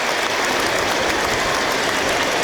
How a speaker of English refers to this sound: So applause ring out around the ground for those no longer with us in a mark of respect.